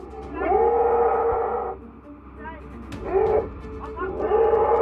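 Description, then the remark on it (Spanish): A baby elephant trapped in a huge hole in Thailand cries loudly in a series of long, wavering, high-pitched wails, about three drawn-out calls, each swooping in pitch, with short pauses between them. “El llanto del elefante bebé era abrumador, tanto que la madre se desmayó del estrés al verlo atrapado en el hoyo.”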